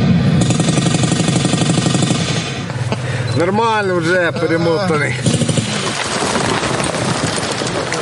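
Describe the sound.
Loud, continuous battle noise played from an audio speaker for atmosphere during combat medical training of recruits: dense rattling bursts of gunfire and rumbling machinery, with a wavering siren-like whine in the middle and a man speaking briefly over it.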